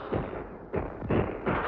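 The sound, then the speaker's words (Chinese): Several heavy, booming enemy artillery shells explode in quick succession on an empty, just-abandoned position, each a dull low-pitched blast with a rumbling tail, sounding muffled, with no voices. “队伍刚刚撤走，敌人的炮弹便在空阵地上爆炸了。”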